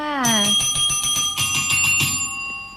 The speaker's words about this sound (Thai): กดกระดิ่งเรียกทรัพย์ก่อนนิดนึงนะคะ